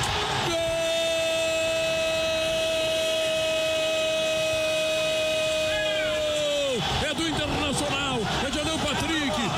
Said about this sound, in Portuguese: Esse segundo gol tão importante de hoje que eu quero ouvir a galera que tá no carro, no estacionamento, buzinando pro Inter!